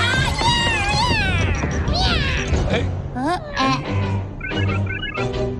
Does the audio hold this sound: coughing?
no